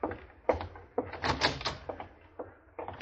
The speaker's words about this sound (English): Open the door for the general. He's leaving.